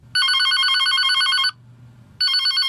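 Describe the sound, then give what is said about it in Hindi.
A telephone at a bank rings loudly with a rapid trilling electronic bell, two bursts separated by a short pause, with a faint low hum underneath. “कहीं का फोन।”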